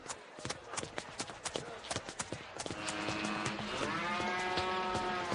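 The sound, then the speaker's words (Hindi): A water buffalo lets out a long, low, droning moo that swells and holds for several seconds, following a patter of sharp clopping steps, with faint voices in the background. “ध्यान से, वहां पर बफेलो है। ओ, भैंस है तो क्या?”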